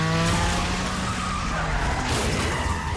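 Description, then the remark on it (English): Tires screech in a sustained, high skidding squeal over loud, roaring engine noise during a film car chase, with the squeal fading into rumbling motor and road noise. “And then a car chase ensues.”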